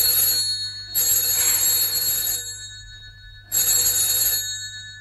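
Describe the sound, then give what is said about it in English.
A telephone bell rings in two long bursts separated by a pause, loud, with a steady low hum underneath and no one speaking. “Well, aren't you going to answer it?”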